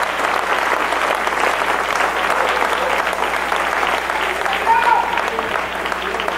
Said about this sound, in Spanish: Dele palmas al Rey. Dele palmas al Rey.